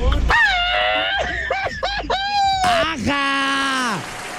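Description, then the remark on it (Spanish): A loud human scream, drawn out over about four seconds in a few wavering, pitch-sliding bursts that end in one long sustained cry. “Oye, qué buen grito, qué buen grito.”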